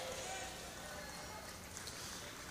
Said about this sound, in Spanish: ¿Están haciendo tortillas o aplaudiendo al Señor? Dele fuerte el aplauso. Si es para el Señor, démosle fuerte.